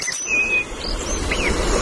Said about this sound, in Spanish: Petirrojo europeo.